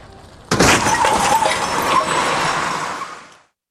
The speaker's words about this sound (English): I must have been dreaming. I thought I crashed the car.